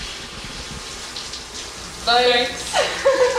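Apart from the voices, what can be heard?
shower water running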